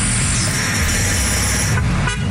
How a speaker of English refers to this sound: I wake up at 3 in the morning and it's like people honking.